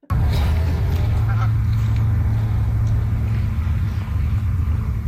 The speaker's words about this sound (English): Well, the District of Summerland is taking on a new tactic to keep geese away from their beaches.